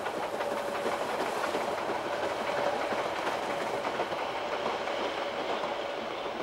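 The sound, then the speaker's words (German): A steam narrow-gauge train of the Harz Narrow Gauge Railways in Germany runs along the rails with a steady, loud rumble and clatter, a thin sustained whine running through it. No one speaks. “Damit ist es das längste dampfbetriebene Schmalspurnetz Europas.”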